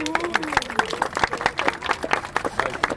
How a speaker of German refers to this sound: Aber ansonsten bin ich erstmal happy, dass ihr alle hier seid. Erstmal Applaus für euch.